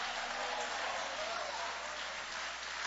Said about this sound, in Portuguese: Levanta a mão aplaudindo, levante a mão adorando.